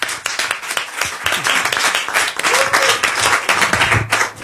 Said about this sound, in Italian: Applauso per Giulia Pacchioli.